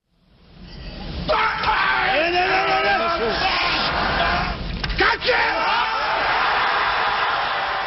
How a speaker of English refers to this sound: This weightlifter just hoisted 470 pounds right over his head. That scream he's making, it's called an effort grunt.